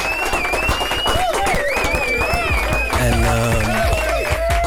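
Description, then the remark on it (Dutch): A burst of studio applause on the Vibes show welcoming a guest into the studio, steady dense clapping with whoops and cheering voices layered on top, loud and continuous throughout. “Laten we hem gewoon een officiële Vibes applaus geven, want we hebben in de studio niemand minder dan”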